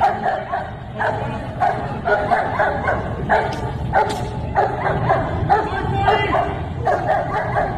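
A police dog, Sparky, barks excitedly in rapid, repeated bursts, loud, with agitated yips between barks and a busy low background rumble, as it is being worked up before release.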